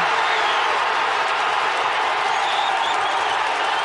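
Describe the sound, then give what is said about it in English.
A large crowd at the FIFA Fan Festival in Toronto roars and cheers in celebration after Kyle Larin's goal for Canada against Bosnia-Herzegovina at the FIFA World Cup, a dense, steady wall of shouting and clapping that stays loud and sustained throughout, with no distinct voices standing out. “Second half substitute Kyle Larin smashed the ball into the Bosnian net, and the crowd at the FIFA Fan Festival in Toronto erupted.”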